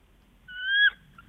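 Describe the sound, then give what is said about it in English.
A voice imitates a bald eagle call: one thin, high, slightly rising whistle-like cry, about half a second long, fairly loud, cutting off abruptly amid otherwise quiet. “What does a bald eagle sound like?”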